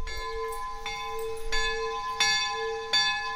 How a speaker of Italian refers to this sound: poi suona la campana